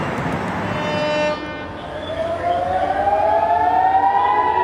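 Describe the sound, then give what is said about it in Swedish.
A loud air raid siren in Haifa, northern Israel, during Iranian rocket fire at night, wails with a long rising tone that climbs steadily over several seconds, preceded by a noisy burst of cheering and commotion from onlookers on the ground. “Iranska raketer mot Israel som lyser upp natthimlen och enligt iransk stats-tv jubel från åskådare på marken som följs av flyglarm i Haifa i norra Israel.”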